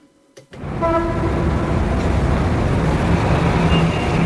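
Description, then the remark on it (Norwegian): After a brief quiet start, a loud, steady roar of cars passing on a rainy street fills the scene, with a short horn-like tone sounding near the beginning. No one speaks. “Jeg så henne av og til mellom passerende biler.”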